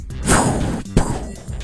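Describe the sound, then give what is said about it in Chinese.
A voice imitates fireworks: a breathy, hissing whoosh that sweeps downward, then a single abrupt thud-like burst, followed by a softer fading fizz. No words are spoken. “来，你示范一个最接近烟花的声音， 比如你自己的。”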